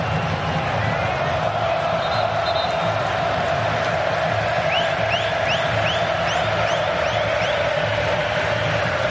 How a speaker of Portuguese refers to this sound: Torcida brasileira faz festa.